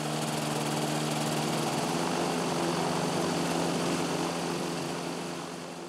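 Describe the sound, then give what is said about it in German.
A seaplane's propeller engine starts up and runs with a loud, steady, buzzing drone, its layered harmonic tones holding constant for several seconds before easing off slightly at the end. No voices are heard. “Der Motor springt an.”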